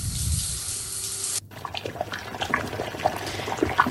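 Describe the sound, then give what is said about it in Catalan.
A tap runs in a steady, hissing stream for over a second and stops abruptly, followed by irregular splashing and gurgling as water is poured. No one speaks. “Per a beure, per a anar al bany, utilitzem aigua en diverses accions del nostre dia a dia.”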